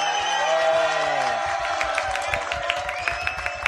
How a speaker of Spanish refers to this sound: La muralla. Sí, señora. Un aplauso a esa señora.